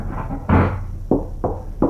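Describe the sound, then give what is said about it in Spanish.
Four solid knocks on a door as a prank, fairly loud, landing in an uneven rhythm with a heavy first rap, each ending in a short dull thud. No one speaks. “Le gusta andar jugando a esos hipotes de tocar la puerta, mire.”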